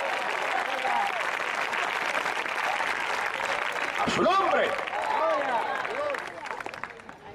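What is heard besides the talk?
audience applause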